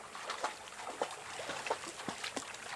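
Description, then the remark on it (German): A small stream in a forest of hemlock, Douglas fir and other conifers trickles and gurgles steadily, with irregular little splashes and bubbling pops over a soft, continuous wash of running water. Fairly quiet, with no voices. “Immer wieder stoßen wir auf kleine Seen oder Bäche, aus denen die Pferde trinken können.”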